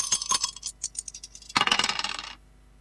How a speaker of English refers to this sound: Let's just throw the dice and see what we're going to play from this.